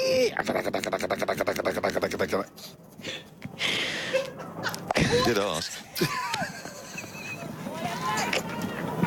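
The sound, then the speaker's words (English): A voice imitates a fax machine with a rapid, buzzing pulse of tones, then shifts into high screechy warbles and squeals, while other people talk and chuckle around it. “I genuinely don't even know what a fax machine looks like. Well, it's not so much what it looks like, it's what it sounds like.”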